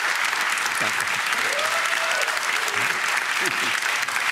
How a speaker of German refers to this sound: Guck mal, der Applaus spricht für sich. Dankeschön.